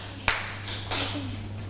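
A few scattered hand claps, sharp and fairly faint, spaced irregularly over a steady low electrical hum, with no one talking.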